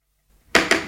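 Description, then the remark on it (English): A short silence, then three sharp knocks on a door in quick succession, each loud and crisp with no voices around them. “Hark! Who's that at the door?”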